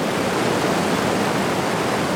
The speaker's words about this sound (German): Es waren keine Autos, sondern ein Wasserfall.